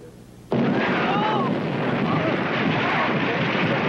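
After a brief quiet moment, a loud explosion erupts abruptly on board a ship, and a dense, sustained roar of rumbling noise continues without easing.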